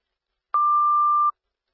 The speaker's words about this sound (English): The Grange Fire Rescue, the Grange Fire Rescue, these are your cancellation tones for the rescue call at W5590 Oriole Drive.